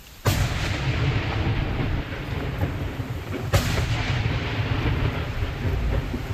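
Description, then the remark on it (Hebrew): Two sharp gunshots ring out about three seconds apart as members of the Shomera emergency standby squad fire at explosive drones launched from Lebanon, each shot followed by a long, heavy rumbling echo that fills the gaps with dense outdoor noise. No one speaks. “על אף הצהרות צהל והממשלה על העמקת התמרון בלבנון, התמונות האלה של חברי כיתת הכוננות של שומרה יורים באומץ על רחפני נפץ ששוגרו מלבנון, לא נותנות מנוח.”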